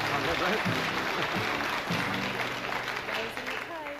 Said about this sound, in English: Don't clap her too much. You'll want more money.